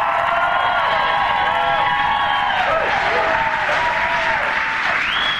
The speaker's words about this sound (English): People who have been fighting fraud. So let's give a round of applause to John Featherston and Steve Robinson.